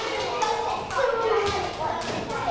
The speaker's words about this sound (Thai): หมดเวลาปรบมือให้ทุกกลุ่มเลยค่ะเก่งมาก